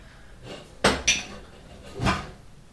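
Chopped red and green peppers tipped from a bowl into a pot holding a previously prepared base: two sharp clinks of bowl against metal followed by a softer, brief tumbling clatter, with no talking.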